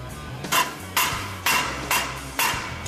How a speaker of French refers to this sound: Je frappe avec un maillet sans rebond pour bien aligner tout ça.